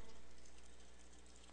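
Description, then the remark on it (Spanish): A steady, rushing wash of water from a water tank runs continuously with a low hum beneath it, fading only slightly. No voices are heard. “Ah, ese es el tanque de agua.”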